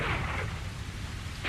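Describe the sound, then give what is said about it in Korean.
A steady, dense hiss of heavy rain pours down without a break, with a low rumbling undertone throughout and no voices. “인기척을 삼키는 소낙비 속으로 20, 30명의 사람들이 힘겹게 걸어가고 있었다.”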